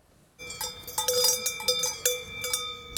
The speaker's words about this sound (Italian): Singolare il caso della Val Brembana, dove i turisti protestano per il rumore dei campanacci delle mucche. Qui non si dorme, dicono.